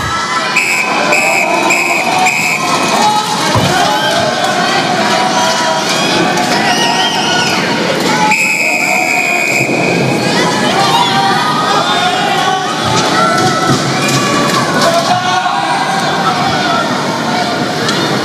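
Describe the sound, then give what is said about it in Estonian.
Spectators at a swimming pool cheer as the men's 4x200 metre freestyle relay is about to start, with the French team in lane five: a steady, loud, continuous roar of many voices, with shrill shouts and whistle-like tones rising above it throughout. “Ja nüüd näeme, et siit juba rahvas hakkabki vaikselt juba elav tuma, sellepärast, et starti on minemas viiendal rajal Prantsuse võistkond.”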